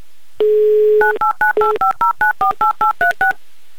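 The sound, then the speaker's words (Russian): A steady dial tone hums briefly, then a rapid, even series of about eleven touch-tone beeps follows as a phone number is keyed in, each beep a short two-note electronic chirp. “Звоним.”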